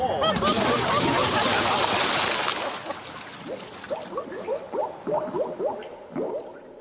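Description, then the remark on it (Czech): A few seconds of loud, churning splashes as things are thrown into the sea, then quieter gurgling and bubbling sounds as the water settles. “Házíme je do moře.”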